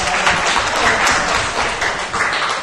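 A crowd applauds, a dense, steady wash of many hands clapping at once, fairly loud and continuous with slight swells, no voices standing out.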